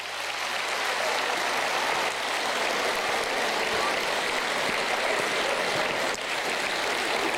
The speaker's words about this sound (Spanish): Sí, aplauso para la AFIP porque llega a venir esta noche, va a dejar el tendal acá.